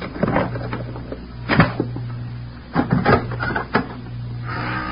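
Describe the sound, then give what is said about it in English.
A pass key rattles and clicks in a lock, followed by a few wooden knocks and thumps as a door is opened, over a low steady hum, with no talking. “I'm going to use the pass key.”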